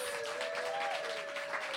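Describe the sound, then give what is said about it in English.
A crowd applauds the readers steadily, dense overlapping clapping at a constant level, with a faint sustained whistle-like tone running through it. “Another round of applause for all of the readers.”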